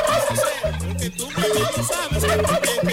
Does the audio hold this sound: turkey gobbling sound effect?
yes